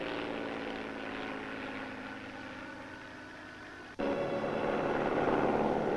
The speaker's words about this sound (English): Here comes the plane. Probably Professor Morosi.